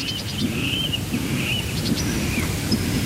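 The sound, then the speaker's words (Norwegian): Birds sing outdoors at Tåken in Östergötland, Sweden, on a light May night, heard live through a microphone set up for Swedish radio P1's Fågelsångsnatten (Birdsong Night), over a steady low rumble of wind and background noise, with repeated short high chirps and trills and a few thin whistled notes. “Så här låter det just nu i en av våra mikrofoner här vid Tåken i Östergötland.”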